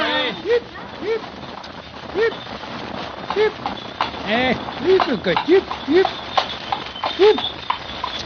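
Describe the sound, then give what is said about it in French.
Horse hooves clip-clop at a steady walking pace, moderately loud, as a horse pulls a clean two-wheeled milk cart with a roof on four iron posts, driven by a man, with some indistinct vocal sounds mixed in. “Monsieur conduisait lui-même la voiture du laitier. La carriole à deux roues était fort propre.”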